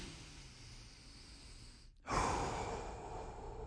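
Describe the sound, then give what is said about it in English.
Deep, slow breathing done as a breathing exercise: a long breath, a brief silent pause, then a louder, rushing breath that carries on steadily to the end. No one speaks. “So let's start with our breathing exercises here.”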